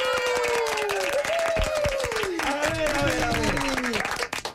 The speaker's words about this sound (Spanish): Por favor, y también del público, un fuerte aplauso en cabina para …. ¡Fuerte el aplauso!